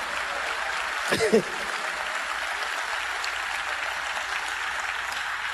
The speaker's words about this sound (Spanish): El aplauso al Señor.